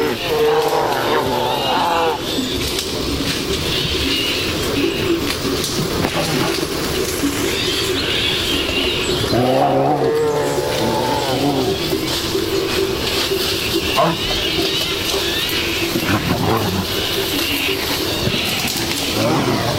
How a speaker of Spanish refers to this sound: Aquí escuchamos cómo una pareja de osos, un macho y una hembra, posiblemente en celo, están destrozando el monte.